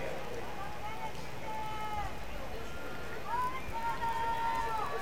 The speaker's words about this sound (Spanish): El público coreando el chocolate